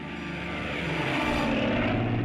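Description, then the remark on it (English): The two big 2600 radial propeller engines, 1700 horsepower each, of a North American B-25 Mitchell twin-engine bomber rumble steadily while idling as it taxis in, a loud, throbbing drone with a rough, churning low end that holds constant throughout, with no voices. “It's got those two big 2600 radials, 1700 horsepower, and they're sitting there idling and making all kinds of racket as you taxi in”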